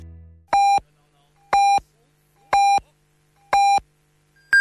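Four short, evenly spaced electronic beeps about a second apart, then the start of a higher-pitched final tone: a radio hourly time signal marking 22:00 Beijing time on Jiangsu Story Radio. Loud and clear with no talking over it.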